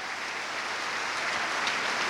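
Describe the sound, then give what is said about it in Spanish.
An audience applauds together, a steady dense wash of many hands clapping at once, sustained and fairly loud throughout with no pauses or talking, giving a loud round of applause to Jesus. “Vamos a dar un fuerte aplauso a Jesús.”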